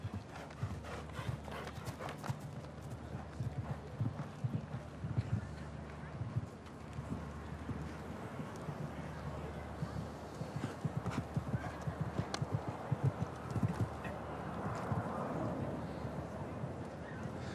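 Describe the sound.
Horse hooves clip-clop in a steady, rhythmic series of sharp knocks, with a brief horse whinny, a low constant hum and a voice talking underneath.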